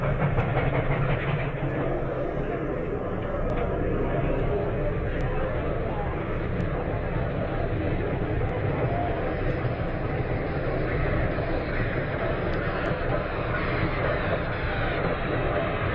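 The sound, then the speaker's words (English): A train rolls into a station with a loud, steady rumble and rattling carriages that hold at an even level for the whole stretch, filling the scene. “He should be arriving on this train.”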